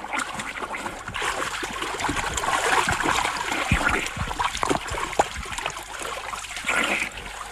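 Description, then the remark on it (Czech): Continuous splashing and sloshing of water as someone swims in a river toward a man in a boat, with irregular bursts of churning strokes that rise and fall over several seconds, no voices. “Už k vám plavu.”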